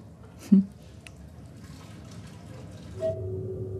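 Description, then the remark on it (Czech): A soft clink of a mug is followed by hot water being poured in for tea, a quiet trickle that rises slightly in pitch as the cup fills, with faint background noise. “Hrnek horké vody a sáček je vedle, aby si to mohla připravit, jak to máš ráda.”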